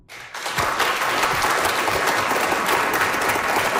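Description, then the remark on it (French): An audience at a science bar evening at UQAM's Cœur des sciences bursts into sustained applause filling a hall, answering by applause who has ever been on a diet; dense, steady clapping from many hands rises quickly and holds for several seconds. “Par applaudissement dans la salle, qui a déjà suivi un régime?”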